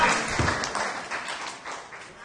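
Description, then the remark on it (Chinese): An audience claps in a dense, steady patter for a couple of seconds at moderate loudness, with faint murmuring voices mixed underneath. “谢谢大家， 好，拍拍手。”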